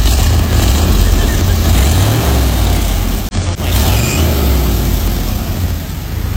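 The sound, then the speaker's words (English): A classic car engine, now brought back to running condition, rumbles loudly, its low throb rising and falling as it revs several times, with a brief dip midway before the idle settles back in. “surprise me with what the car looks like now that it's running”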